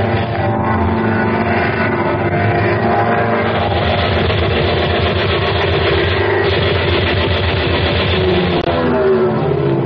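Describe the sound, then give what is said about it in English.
A loud, steady airplane engine drones throughout as the plane circles a field and approaches a target, a thick low rumble with layered harmonic hum that shifts slightly in pitch toward the end. No voices. “The plane circled the field, once again approached the target.”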